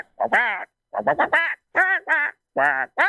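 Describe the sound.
A person imitates Donald Duck with a series of raspy, nasal quacking bursts in short clustered groups, loud, with brief silent gaps between phrases, as an entry in a best Donald Duck voice contest.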